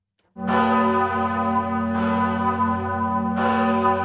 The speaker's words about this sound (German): Einmal im Jahr läutet die große Glocke der Pfarrkirche in Appenzell schon um 4:30 Uhr morgens. Sie erinnert die Bevölkerung an eine Schlacht, bei der eine kleine Truppe von Appenzellern ein dreimal größeres Heer von Habsburgern vernichtend schlug.